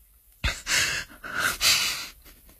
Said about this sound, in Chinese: 终于，唐三到了他感觉安全的地方，双腿一软，再也坚持不住，一屁股坐倒在地，大口大口地喘息着，就连手中的黑匣子都有些握不稳了。